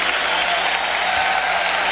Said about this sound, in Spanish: Aplaudimos tu grandeza y tu hermosura.